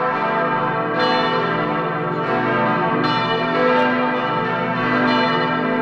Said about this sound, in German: Das schwerste Geläut der Region, das hängt im Turm der Michaeliskirche in Adorf. 5 Glocken sind es, die größte fast 3 Tonnen schwer. Und an Feiertagen, wie vor 6 Wochen zu Ostern, da erklingen sie alle zusammen.